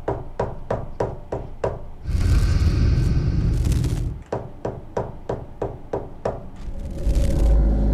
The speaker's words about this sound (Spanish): Y pues en ese momento, sí, en ese momento, pues escuchó golpes en la puerta.